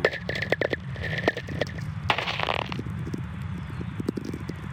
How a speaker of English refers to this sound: Yeah, there's one again. Whistlers, they're called. And these were recorded by Stephen McCreevy in a Nevada desert. They are caused by lightning.